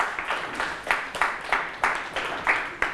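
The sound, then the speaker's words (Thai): A group of students in class claps for a classmate, a dense patter of many hands with sharper accented claps at irregular intervals, steady and moderately loud for the whole stretch, with no voices over it. “โอเคครับปรบมือให้เพื่อนหน่อยครับ”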